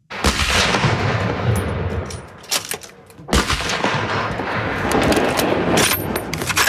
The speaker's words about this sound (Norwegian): På Kråkenesmarka skytebane utenfor Førde er det mange på standplass for å skyte inn våpnene sine før sesongåpning.